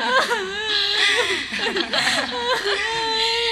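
A woman fakes crying with exaggerated, wavering sobs and whimpers that rise and fall in pitch in a continuous, fairly loud stretch, with no other talk.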